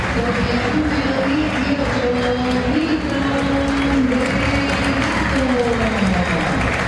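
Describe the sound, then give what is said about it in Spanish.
Steady, dense applause from a large crowd greeting football players one by one, with the most applause for Paredes, loud and continuous for several seconds, with a low murmur of voices and a faint tonal drone running underneath. “El más aplaudido Paredes.”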